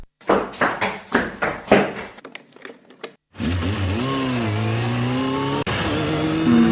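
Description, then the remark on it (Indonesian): A few quick mechanical clicks and taps give way to a car engine roaring, revving and climbing in pitch as the driver accelerates hard on an empty road after a traffic jam, loud and sustained to the end. “Ya, macet lagi. Kayak enggak nuntut deh. Pun sepi lah, gas aja deh.”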